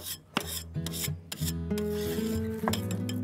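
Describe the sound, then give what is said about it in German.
An onion being cut on a board for a bobotie: a handful of sharp, irregular knife chops mixed with rasping, scraping strokes, heard over steady tonal background music. “Zwiebel ist geschnitten.”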